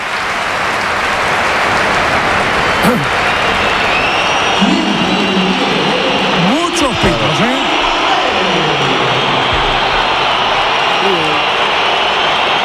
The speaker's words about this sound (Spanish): Aplausos para Gonzalo.